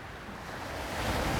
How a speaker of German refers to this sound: Der Wind ist kalt.